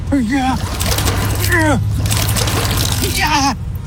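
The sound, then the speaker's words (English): Water sloshes and splashes continuously inside a small fishbowl riding in a moving car, a steady watery churn beneath an animated voice that speaks over most of it. “But my sharp bowls splash all over the place.”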